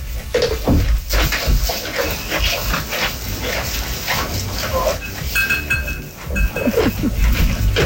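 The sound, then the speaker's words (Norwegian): Goats walking about chewing cud, contentedly enjoying the day, a steady, busy texture of grinding and munching noises with occasional short, higher tonal sounds mixed in, fairly loud throughout. “Og det da Lars sine geiter som går og drøvtygger, koser seg og nyter dagen.”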